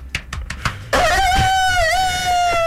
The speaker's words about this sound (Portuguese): E agora com esse galo Little, cantando né, aqui